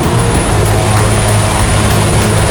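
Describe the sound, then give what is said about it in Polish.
A loud, steady roar of a firefighting helicopter passing overhead during wildfires in Serbia, its rotor and engine drone continuous with a low humming tone, no voices present. “Akcja gaśnicza z wykorzystaniem helikopterów prowadzona jest w 6 miejscach, w tym na terenie rezerwatu przyrody Deliblacka Peszczara na wschodzie kraju.”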